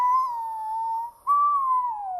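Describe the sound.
A child's voice imitates a wolf howl during an English phonics lesson on the word "wolf", a sustained high, tonal wail that wavers, breaks briefly, then rises again and slides downward at the end. Fairly loud, with no other talking.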